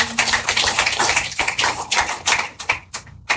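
A group applauds with dense, steady clapping that fills the moment, then thins into a few scattered claps near the end. No one speaks.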